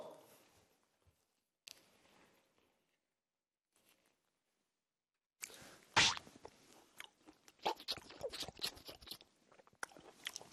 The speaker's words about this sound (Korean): 귤 한 개만 가져왔어요. 귤 한쪽만 먹을게요.